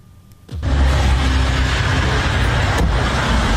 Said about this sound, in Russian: Уже несколько дней подряд у моста в Керченском проливе в направлении России наблюдается большое скопление автомобилей.